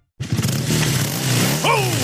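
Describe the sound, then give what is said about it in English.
A motorcycle just repaired by the crew at Mackay Motorcycles starts up loud, idling with a throaty rumble before a sharp rev sends its pitch climbing near the end. “Hear that? Sounds like another beauty's been given the repair it needs thanks to the crew at Mackay Motorcycles.”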